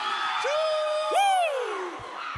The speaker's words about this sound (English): Our next artist is hailing from Fiji, serving up rap and reggae proudly in Bossa Baka Viti. Yes, all the way from Fiji this evening. Let's give a big round of applause to … and the gang!